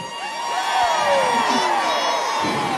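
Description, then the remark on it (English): A live crowd cheers loudly, with men's voices whooping and hollering over a dense, continuous roar of applause and shouting that holds steady throughout. “That's where I get the men in the crowd.”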